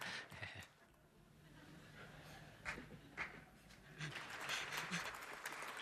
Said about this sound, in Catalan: Val aplaudir xistes, també.